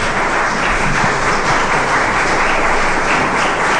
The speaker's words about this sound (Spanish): Dele un fuerte aplauso a Jesucristo.